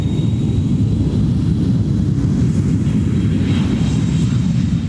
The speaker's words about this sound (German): Ein Flugzeug, also so eins, mit dem wir zum Beispiel in den Urlaub fliegen, wäre dagegen schon deutlich länger unterwegs, fast 3 Wochen.